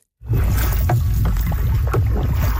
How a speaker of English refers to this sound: These Lloydminster teens were paddling with a purpose. 350 kilometers down the North Saskatchewan River. A commemorative canoe trip, a century and a half in the making, retracing the route of the signatories of Treaty 6.